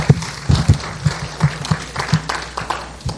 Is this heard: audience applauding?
yes